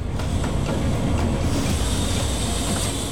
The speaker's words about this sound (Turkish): Roland ilk olarak 700 metre boyundaki trene dikkatle yanaşıyor ve lokomotifi bağlıyor.